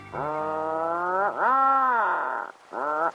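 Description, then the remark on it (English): Atlantic puffin calls: three drawn-out, groaning moans rich in harmonics, the first two long and wavering, the last one short, with no voices around them. “Just off the southern coast of Iceland, the Westman Islands are home to many of the country's several million Atlantic puffins.”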